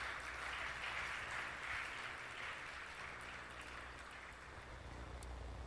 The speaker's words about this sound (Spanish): ¿Alguien le da un aplauso a la palabra del Señor?